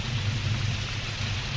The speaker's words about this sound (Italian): Farà cadere una pioggia incessante e i loro carri sprofonderanno nel fango! Maledetta pioggia!